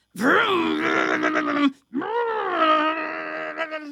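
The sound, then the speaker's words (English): A voice imitates a vacuum cleaner running, making two long, steady droning groans, each rising briefly then holding level, separated by a short pause, fairly loud. “I hear the vacuum.”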